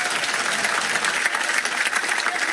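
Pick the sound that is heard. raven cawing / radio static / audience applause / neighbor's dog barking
audience applause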